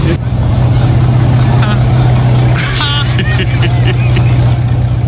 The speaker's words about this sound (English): Damn. Did y'all hear it? That car sounds like the hood up.